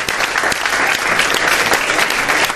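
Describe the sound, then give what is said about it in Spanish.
An audience at a stage event at the Feria del Libro (book fair) claps steadily, a dense wash of many hands with scattered sharper claps standing out, loud and sustained throughout with no voices over it. “Gracias a todos, un aplauso os doy ahora por haber venido a vernos.”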